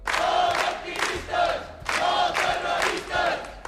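A crowd of protesters from the Menys Turisme, Més Vida platform shouts and chants in loud, rhythmic bursts outside the courts on Via d'Alemanya, greeting detained women with placards, many voices rising together in repeated waves with short pauses between each call.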